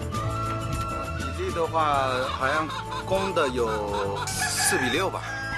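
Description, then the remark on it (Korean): A flock of about 2,000 gwibi chickens, hens and roosters, clucks and squawks loudly on a farm, with a rooster's drawn-out crow rising through the busy chatter while a voice talks faintly in the background. “이곳에서 자라는 귀비닭은 총 2천 마리 정도.”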